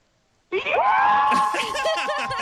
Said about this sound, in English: I'm with, like, a whole group of friends right now. We actually have, we're at, like, a, what is it called? Like, a caravan park? Yeah. In Griffith. Oh. Yeah, we're in Griffith now. Yeah. Oh, my God. Can we hear a big scream?